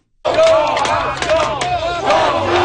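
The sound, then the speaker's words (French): A crowd of Montreal Canadiens hockey fans in Buffalo cheers and chants loudly in unison, with many voices shouting over a dense roar that stays strong for the whole few seconds. “Ils étaient un peu moins nombreux qu'à Montréal, mais les partisans du Canadien présents à Buffalo ont su faire entendre leur voix.”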